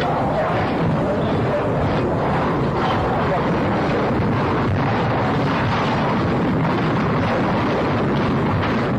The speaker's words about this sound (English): That was an explosion. That was an explosion.